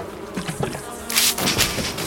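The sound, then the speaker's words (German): A dense, agitated buzzing of many bees swarming from an overturned beehive while three figures trample its combs and brood, droning continuously and swelling louder partway through with a hissing, frantic edge. “Aber ein Bienenstock ist umgekippt worden und 3 Gestalten zertrampeln Waben und Brut.”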